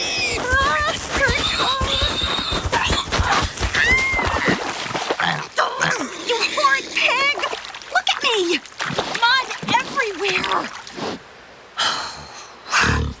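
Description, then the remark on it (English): A pig charges at a person walking home from school, squealing and snorting in rapid, frantic bursts, with splashing and splattering as she is sent into a mud puddle. The racket thins out into scattered squeals near the end. “Oh, no. No, the pig. Not again. Oh, it charges me every time I walk home from school.”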